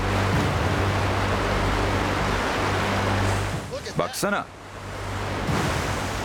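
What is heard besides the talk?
rushing swollen river water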